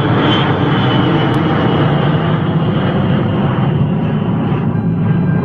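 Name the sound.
airplane engine roaring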